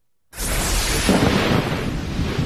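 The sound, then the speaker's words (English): After a split second of silence, a loud thunder rumble from a severe thunderstorm over the Atlanta metro area bursts in and rolls on heavily without letting up, thick with deep low-end roar and crackling noise. “Severe thunderstorms blasting the Atlanta metro area this weekend.”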